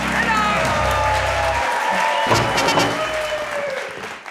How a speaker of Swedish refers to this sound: Jubel och applåder för veckans pratglada kvartett i På minuten med Hans Rosenfeldt.